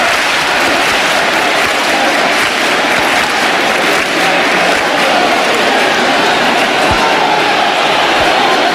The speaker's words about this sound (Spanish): aquí todo el mundo con la emoción desbordada, los aplausos para recibir al sin pecado y para que dé inicio la procesión de la Virgen del Rocío, con cientos de miles de personas en esta aldea. Escuchamos las palmas también para recibir al sin pecado.